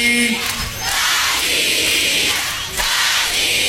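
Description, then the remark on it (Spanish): A large crowd in Argentina shouts "¡Dalí!" together in a loud, sustained roar that fills the whole clip, dipping briefly before surging back up near the end. “Quería escuchar el grito de todos ustedes de Argentina. De Argentina diciendo ¡Dalí!”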